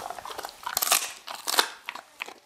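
A large female dog, reaching her owner's hip, crunches and bites into a chicken foot given as a reward, giving a series of sharp, irregular cracking bursts with crackly chewing between them, fairly loud and with no voices.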